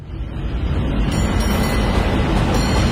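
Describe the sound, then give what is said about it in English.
A San Francisco cable car rumbles along its track, a steady, loud low-pitched roll with faint metallic clatter riding on top, and no voices. “Hop the cable car, grab some sourdough at the wharf,”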